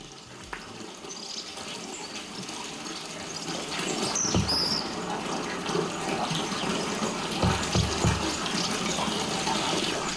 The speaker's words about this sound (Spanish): Agua, chorro de agua de la fuente de la Villa Bregadero, también de Doroño, junta administrativa que pertenece al condado de Treviño. Ahí en la ladera sur, la vertiente sur de los montes de Vitoria, bajamos del puerto de Zaldiarán.